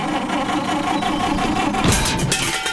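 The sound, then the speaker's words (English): A rough, sputtering car engine chugs unevenly, its rattling drone steady and loud before a brief surge of harsher grinding near the end. “Got trouble with the car?”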